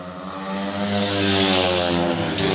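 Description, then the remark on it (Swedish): Speedway motorcycles roar around the track in Gislaved on the third lap of a Småland derby heat, Andreas Lyager leading with Pavel Sedpelski close behind, their engines a loud, continuous buzzing drone that swells slightly and holds steady, with no voices over it. “Jämn kamp i Smålandsderbyt in på tredje varvet.”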